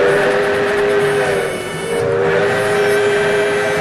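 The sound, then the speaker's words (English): A loud train horn blares steadily over the rumble and clatter of a train running on the tracks, dipping briefly in the middle before sounding again, with no one speaking, in an advert for the Skunk Train, which departs from Willits, Mendocino County. “Enjoy an adventure aboard the Skunk Train to a circus you can only reach by rail.”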